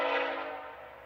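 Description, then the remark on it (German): A single sustained train horn blast sounds from a train about 2 kilometres away on the Canadian prairie, steady and fairly loud before gradually fading slightly, with no voices present. “Der Zug kommt. Der Zug ist gleich da.”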